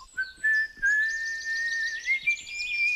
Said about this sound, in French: Puis il s'en alla en sifflant dans le brouillard qui se levait.